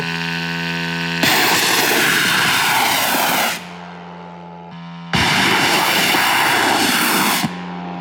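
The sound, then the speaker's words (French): The small engine of a long-range attack drone carrying 100 kg of explosives is started and buzzes at a steady idle, then twice roars up into loud full-throttle bursts of a few seconds each before dropping back to idle. “Démarrer le moteur. On démarre le moteur.”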